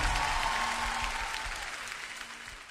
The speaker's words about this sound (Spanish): Un aplauso para Jesús.